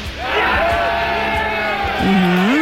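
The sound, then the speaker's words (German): A loud crowd cheers and shouts continuously at a marksmen's festival (Schützenfest) in the Paderborn and Höxter area of Germany, many overlapping voices forming a dense roar, with a few individual rising whoops standing out near the end. “Manchmal gab es aber auch keinen Jubel.”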